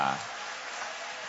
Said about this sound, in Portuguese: Toma o vosso assento, guarda a Bíblia com carinho e podem aplaudir o nome de Jesus. Pode aplaudir com mais alegria.